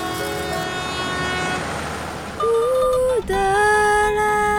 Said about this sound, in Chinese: 幸福可以是什么样子的？在喜德的这趟慢火车上，是被载着稳稳前进的。